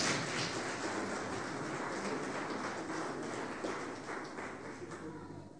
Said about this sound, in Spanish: Denle un fuerte aplauso al Rey de Reyes, Señor de Señores. Amén.